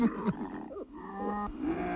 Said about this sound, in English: And then you go, oh, you growl like a big kitty cat. You sound scary.